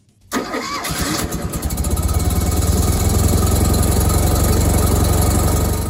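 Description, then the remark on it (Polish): A small car engine on a long road-trip expedition of Maluch cars cranks briefly, catches and settles into a steady, low, rumbling idle that stays loud and even for several seconds. No one speaks. “A tak to będzie brzmiało.”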